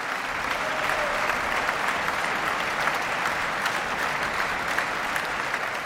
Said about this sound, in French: Alors, vous l'entendez, Isata Kane-Mason avait été ovationnée par le public.